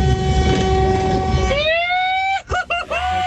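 train horn honking

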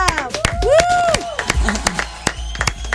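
applause

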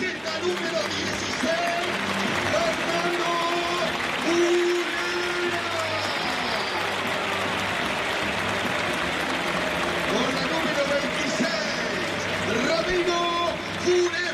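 stadium crowd applause

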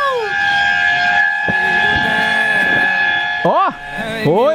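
vehicle horn honking

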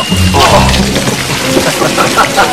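running water

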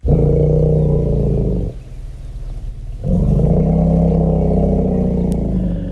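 elephant greeting rumble

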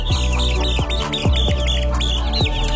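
chicks peeping

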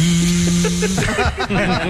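blender whirring

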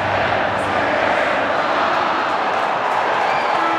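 stadium crowd

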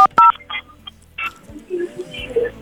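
telephone dialing tones

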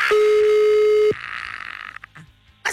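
phone call ringing

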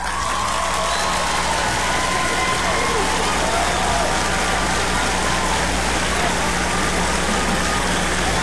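applause

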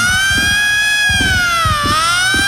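siren wailing

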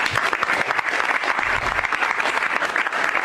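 applause

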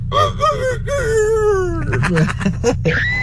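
rooster crowing

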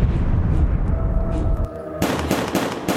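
gunshots

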